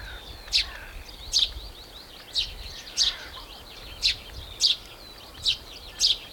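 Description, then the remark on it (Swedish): Tree sparrows chirp repeatedly by a lighthouse on a sunny day with a light wind: about eight sharp high-pitched chirps in a fairly regular rhythm, loud and prominent over a low rumbling background of wind or noise. No one speaks. “det låter nästan som pilfinkarna satt sig på mikrofon.”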